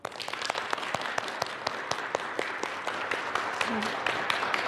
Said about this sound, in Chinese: 让我们掌声有请罗老师